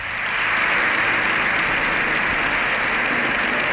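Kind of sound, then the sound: crowd, applause in parliament chamber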